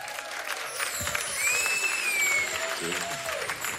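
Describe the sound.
An audience claps steadily in a dense, continuous wash of applause, with a few whistles rising above it and some voices calling out underneath.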